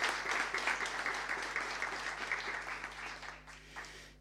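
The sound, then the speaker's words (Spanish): An audience applauds steadily for a few seconds to thank companies, including la Molinera, collaborating with health works, a dense wash of many hands clapping at moderate volume that thins out and fades toward the end. “Muchas gracias, un fuerte aplauso.”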